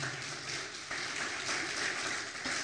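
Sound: audience applauding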